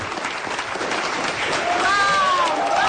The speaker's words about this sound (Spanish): Está, sale de su oficina y la gente, la verdad, que la aplaude de una manera, pero muy fuerte. Ella sonríe, mira a la gente, la siguen aplaudiendo.